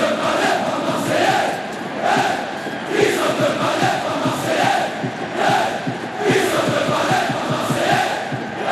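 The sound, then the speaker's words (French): A dense stadium crowd at the Stade Vélodrome in Marseille chants, sings and shouts continuously, a loud roar of many voices with rhythmic surges and swells every second or so, no single voice standing out. “Quand on est tous ensemble et que ça chante et que ça crie et que ça hurle, c'est un bonheur incommensurable de partager ces moments-là, ça c'est clair.”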